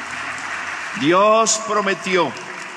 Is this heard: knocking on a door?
no